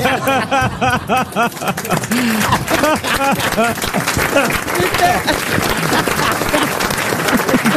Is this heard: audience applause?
yes